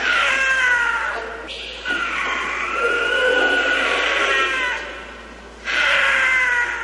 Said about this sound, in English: Holy cow. Wow. That is the scream of a cougar. That's super creepy. It's a large brown wildcat that is native to North and South America, from the tip of Argentina to central Canada and all across the United States. The cougar is ubiquitous.